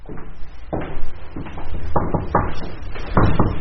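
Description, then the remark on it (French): A heavy carriage door is pushed open, with a series of deep wooden clunks and knocks at an uneven pace, fairly loud against low background rumble. “Alors l'envie nous a pris d'aller voir des balcons, de pousser les portes cochères.”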